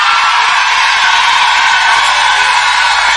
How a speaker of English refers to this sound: Now, if you're a lady in this place and you bought your own tickets, let me hear you scream.